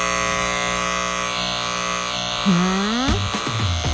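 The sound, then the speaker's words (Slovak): A steady electric buzzing hum from a plastic handheld neck massager for the cervical spine, shaped like half a collar, continuous throughout, with a pitch that wavers and rises near the end as the load on the motor shifts. “Je to taký masážny prístroj na krčnú chrbticu, ktorý si kúpila jedna moja kamarátka a ktorý jednak vyzerá divne, ako taký golier na krk, ale polovičný.”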